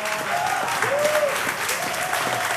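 A crowd claps steadily and continuously in a dense wash of applause for a musician's performance, with a faint voice briefly rising above it.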